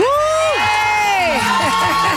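A crowd cheers and whoops loudly, with high-pitched shouts and screams rising and falling over a steady wash of applause, sustained throughout without any speech.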